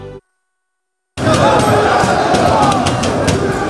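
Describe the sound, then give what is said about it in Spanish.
A short blip gives way to about a second of silence, then a loud, dense crowd roar on a Paris night bursts in and holds steady, many voices shouting and cheering together until the end. “Esto que escuchas es la noche parisina.”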